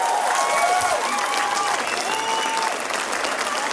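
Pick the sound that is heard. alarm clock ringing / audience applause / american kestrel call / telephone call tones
audience applause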